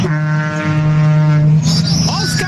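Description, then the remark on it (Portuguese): A deep, loud truck air horn blares in one long sustained blast as truck drivers honk in Brazil, then cuts off into rumbling background noise with faint voices. “Os caminhoneiros buzinando aí, ó.”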